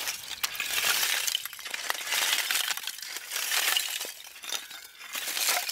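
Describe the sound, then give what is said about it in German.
Hard pieces of good-quality charcoal are struck hard and rattled together without breaking, giving a steady stream of bright, glassy clinks and crunches that rise and fall in bursts, fairly loud with no talking. “Egal wie doll ich draufschlage, sie zerbricht nicht.”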